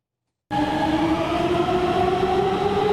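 A metro train on the Gayrettepe–İstanbul Airport–Halkalı line, Türkiye's fastest metro, which can reach 120 km/h, runs at speed with a steady, loud rumble and a rising electric motor whine, starting abruptly after half a second of silence and holding constant with no voices.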